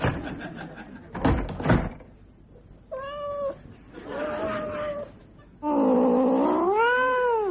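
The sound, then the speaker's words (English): A cat named Tiddles meows three times, the calls growing longer and louder, ending in a drawn-out, wavering yowl, after a couple of dull thumps like a cupboard knocking shut. “if you are the guest of someone who owns a cat, you'd better watch out.”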